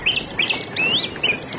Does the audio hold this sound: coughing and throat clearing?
no